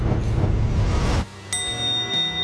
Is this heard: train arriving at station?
no